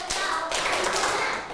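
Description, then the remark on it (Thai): A class of children claps five times on the teacher's instruction, a dense, loud burst of many hands slapping in quick succession that blurs into a steady crackle for about a second and a half before tapering off. “ปรบมือห้าครั้ง”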